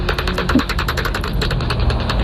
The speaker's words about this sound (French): Moi, je dis toujours, ça fait un peu un son de... Un caddie un peu rouillé. Ça fait quelque chose un peu... Voilà. Donc là, petit pipistrelle qui chasse. Je pense que c'est une pipistrelle de cul parce qu'elle est autour de 38 kHz.